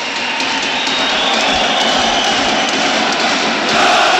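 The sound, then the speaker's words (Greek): A stadium crowd applauds the return of Olympiacos substitute Roman Yaremchuk, the Ukrainian, as he takes last instructions from José Luis Mendilibar: a loud, dense, unbroken wash of clapping and crowd roar that holds steady and swells slightly toward the end, with no voices standing out. “Και το χειροκρότημα που ακούτε είναι για τον Ρόμαν Γιάρεμτσουκ που παίρνει τελευταίες οδηγίες από τον Χωσέ Λουίς Μεντιλίμπαρ.”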